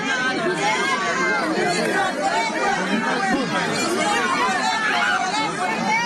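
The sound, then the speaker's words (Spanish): A protest crowd shouting demands and discontent, including demands to Housing Minister Mauricio Arnillas: many overlapping voices form a dense, loud, continuous roar of calls and cries, with no single voice standing out, steady for the whole stretch. “vamos a ir escuchando un poco de los pedidos que se hacen, el sonido ambiental en este momento, porque hay muchos gritos, solicitudes.”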